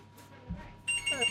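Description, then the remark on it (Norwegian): After a quiet, murmuring moment, an electronic phone ringtone suddenly starts up loud, a bright warbling tone that continues to the end, signalling an incoming call from a woman calling back. “Der ringer hun.”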